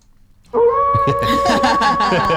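A wolf howl sound effect, played on the Dirtbag Radio show on 95 BFM, starts abruptly after a brief quiet moment, holding a loud, steady, drawn-out pitched tone over a rough, busy layer of noise until the end.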